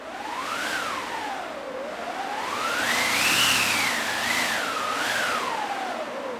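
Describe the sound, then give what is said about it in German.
A wind machine, played to make the sound of wind for a storm, whooshes steadily, its howling tone rising and falling in slow waves, climbing to a higher peak midway before sinking again, with broad rushing noise underneath and no talking. “Da haben wir eine eigene Maschine, die sogenannte Windmaschine.”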